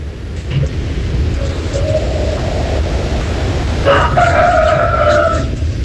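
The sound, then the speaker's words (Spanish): A rooster crows once, a strained, drawn-out call rising and then holding over steady hissing background noise, with a fainter tonal wail just before it. “Bueno, solo me manda cantando un gallo.”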